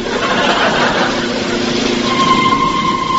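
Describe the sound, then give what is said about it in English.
A steady, loud engine drone with a rough rumble and faint humming tones, holding constant throughout like a car idling, stopped at a level crossing with closed gates, waiting for a train to go past. No one speaks. “stop the car”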